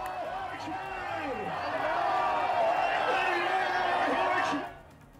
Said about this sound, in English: Celebrations were seen meanwhile in Tehran as missiles flew overhead en route to Israel. Large crowds gathered at Tehran's iconic Enghelab Square, chanting in unison, as you can tell.